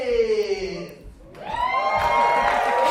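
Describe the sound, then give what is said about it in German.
An enthusiastic theatre audience at a queer-themed quiz show in Berlin breaks into loud cheering and whooping, swelling over the last second, after a drawn-out, sliding voice calls out over the room, the crowd noise dense. “Das Publikum klingt auf jeden Fall begeistert.”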